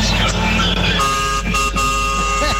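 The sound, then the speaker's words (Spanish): A loud truck air horn blares in a long, steady, sustained blast with a brassy, multi-toned chord, preceded by a brief rumble of road noise. “¡Qué linda la bocina cuando se escucha en la ruta, por Dios!”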